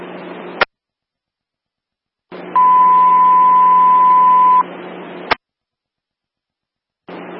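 A fire dispatch pager alert paging out a unit to 611 Linda Lane in North Versailles for a residential fire alarm sounds as one steady, clear tone lasting about two seconds over a hiss of radio static, framed by sharp squelch clicks as the transmission opens and cuts off.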